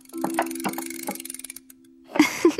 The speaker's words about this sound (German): was machst du denn da hinten an der Wanduhr? Und wozu brauchst du einen Schraubenzieher? Ich mache sie schneller. Wenn die Uhr schneller tickt, vergeht doch auch die Zeit schneller. Nur noch ein winziges Stückchen hier drehen.